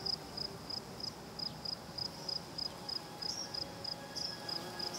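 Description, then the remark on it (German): Crickets and grasshoppers chirp in southern Portugal in a steady, evenly spaced pulse of short high-pitched trills, repeating throughout over a soft, low outdoor background hum. “Im typischen Konzert des Südens geben Grillen und Heuschrecken den Ton an.”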